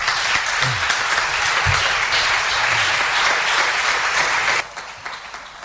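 Sustained audience applause for a speaker who played a season with the Arco team, a dense steady clatter of many hands clapping at full volume for several seconds, then cutting off abruptly into a faint lingering patter.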